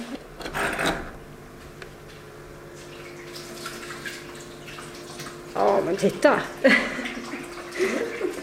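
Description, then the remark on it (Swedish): Steady running water splashes down one side of a new toad terrarium along a stone-clad wall, a waterfall with a continuous trickling wash and a low hum underneath, while people talk briefly over it. “Vattnet pålar ner för ena sidan av det nya terrariet längs en vägg klädd med stenar.”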